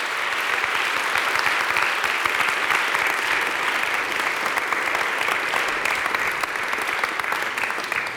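Sustained audience applause, a dense steady patter of many hands clapping at an even loudness for about eight seconds, with no voices standing out.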